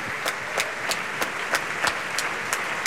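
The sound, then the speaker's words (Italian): Dense, steady applause and ovations from a large audience after the finale of an opera, with the orchestra also applauding, sharper claps standing out at a regular beat about three times a second. No one speaks. “Gli applausi, applaude evidentemente anche l'orchestra.”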